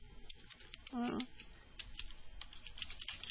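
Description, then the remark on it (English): Soft, irregular clicking of computer keyboard keys as two people type at the same time runs steadily throughout, faint, with a brief voiced sound cutting in early on. “So you both start typing at the same time.”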